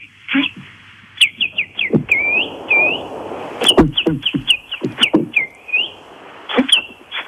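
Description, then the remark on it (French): A man whistles a series of quick, warbling bird-like calls imitating a blackbird, calling birds from a hedge in the morning to give them crumbs, with short chirpy phrases repeating, fairly loud, and no talking. “Oui, alors bah oui, parce que j'arrive, je sais pas quel oiseau je fais particulièrement, mais c'est un peu les merles, parce que votre ornithologue va nous le dire.”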